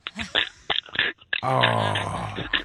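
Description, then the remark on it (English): A voice imitates the throat-scratching noise a girlfriend with bad allergies makes: several short, harsh clicking rasps, followed by a longer, buzzing, gravelly drone from the back of the throat. “So she does this thing where she says she's scratching her throat, and she makes this noise like...”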